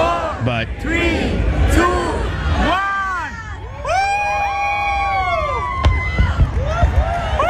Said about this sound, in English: this is the fireworks portion. This is not through NBC, so they're not incorporating the music.